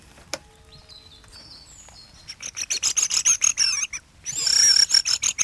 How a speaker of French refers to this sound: Non, c'est des... C'est des grives.